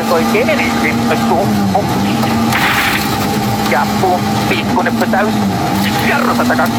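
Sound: rally car speeding past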